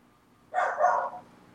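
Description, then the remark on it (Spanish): A single moderately loud dog bark, lasting about half a second with a slightly drawn-out, yelping quality, heard alone against a quiet background. “¿Qué opina el perro”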